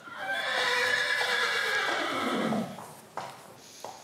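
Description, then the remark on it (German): A horse on the island of Föhr whinnies in one long, loud, quavering call that slides downward in pitch over a couple of seconds, followed by a few soft snorts and shuffling sounds. “Und er hatte es ja schon angedeutet, Föhr ist auch eine Pferdeinsel.”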